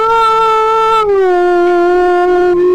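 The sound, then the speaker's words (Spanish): A single dog lets out one long, loud, sustained howl, its pitch sliding slightly downward partway through and holding steady to the end, with no talking. “Y los perros ladrando, y se escuchaba que se”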